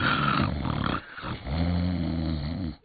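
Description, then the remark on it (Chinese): A voice imitates loud snoring: a rattling, growly inhale for about a second, a short pause, then a long, steady droning snore that cuts off abruptly. “我都到了文臣官的寝帐，一看这小矬子就跟张呢， 在帐外面睡得还真香，这呼噜打得震天响啊。”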